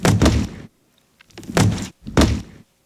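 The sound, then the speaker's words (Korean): A monster strides forward and slams both arms onto the ground, giving three heavy, booming thuds in quick succession, each a loud low-heavy impact with a crunching edge that fades quickly. “괴수가 성큼 앞으로 다가서며 양팔을 땅에 내리쳤다.”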